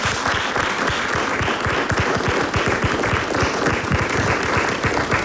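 A crowd applauds Romana Cafuta steadily and loudly for several seconds, many hands clapping densely together with no voices standing out.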